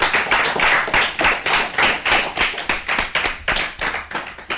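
A group of children applauding together, a steady, fairly loud patter of many overlapping hand claps that continues for several seconds with no one speaking.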